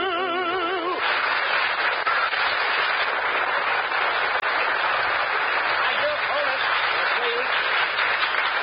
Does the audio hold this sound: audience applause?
yes